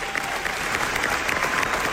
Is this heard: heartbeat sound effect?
no